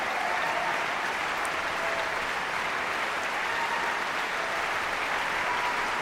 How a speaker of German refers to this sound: Applaus für diese großartige Leistung. Applaus auch für die jungen Sänger der Knabenkantorei Basel, für den Frauenchor des Gesangsvereins, die von den Emporen des Musiksaals des Stadtcasinos aus gesungen haben.